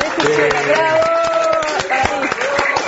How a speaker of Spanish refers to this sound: …, muchísimas gracias por haber compartido este encuentro en el estudio con nosotros. El aplauso es para vos.